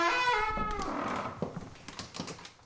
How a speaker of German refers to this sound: Er kommt von seiner Kammer durch die Kapelle, durch diesen langen Flur bis zu einer Spezialtür, die ganz allein für ihn gedacht ist. Die öffne ich jetzt.